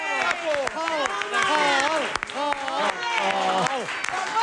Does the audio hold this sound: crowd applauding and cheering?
yes